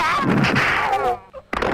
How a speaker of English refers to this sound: Dragon whips his tail.